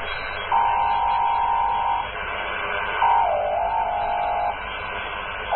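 A Morse code radio transmission used to send information: a steady mid-pitched tone switches on and off in long pulses over a constant bed of static hiss, one pulse briefly wavering in pitch. No one speaks.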